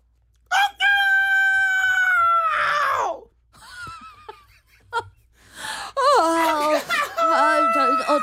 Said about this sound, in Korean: 닭 소리가 왜 저러지?